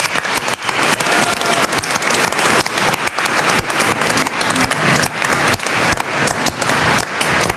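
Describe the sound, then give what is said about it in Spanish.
An audience bursts into sustained applause for the Virgin Mary after a Hail Mary prayer, dense overlapping claps filling the whole stretch at a steady, loud level with no speech over it. “Un aplauso a la Virgencita.”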